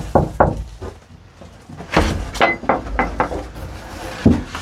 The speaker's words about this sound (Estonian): Miks sa koputasid siin? Ma ei tea. Ma ei tea, kas ma olen kusagilt kuulnud või on endal mingi tunne. No küll siin elab keegi. Viisakas on koputada.